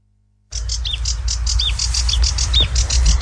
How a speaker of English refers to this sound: That is a sedge warbler. It's an acrocephalus warbler, which is kind of one of those reedy warbler things. And it's brown and streaky and only about 5.5 inches long. But these birds come from trans-Saharan Africa to breed in this part of the world.